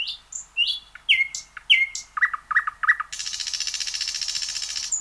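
A nightingale sings alone: a string of clear whistles and chirps, then a few quick repeated notes, ending in a long, fast, buzzing trill.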